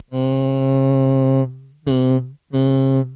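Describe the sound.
A voice hums three steady nasal tones through closed lips, showing ghunnah, the nasal sound made at the base of the nose (khayshum): one long hum, then two shorter ones, low-pitched and resonant, with no words spoken.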